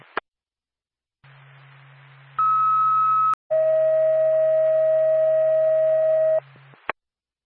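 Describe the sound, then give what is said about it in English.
A Norfolk dispatch radio alert for Whitefield Ambulance plays two steady tones in sequence: a short higher beep, then a longer, lower sustained tone, loud over a low hum, bracketed by clicks. “Norfolk, 2 Whitefield Ambulance, stand by for tone.”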